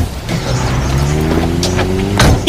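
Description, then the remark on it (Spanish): A car engine hums steadily, its pitch rising as it accelerates, with a brief whoosh of passing air near the end; no one speaks. “En tu coche.”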